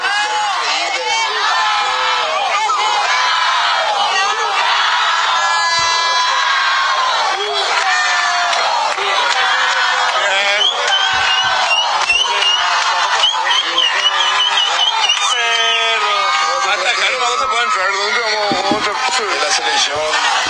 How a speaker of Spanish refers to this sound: La ovación también entonces para el capitán albirrojo Gustavo Gómez.